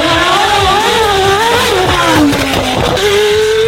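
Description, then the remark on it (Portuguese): A Formula 1 car engine screams loud, its high-pitched whine rising and falling through quick gear changes for a few seconds, with no voices over it. “É isso aí, Fórmula 1.”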